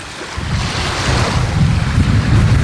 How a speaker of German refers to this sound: Wir stehen am Strand von Glücksburg in Sandwig an der Wasserkante. Vor uns liegt Dänemark und wir schauen aufs Meer.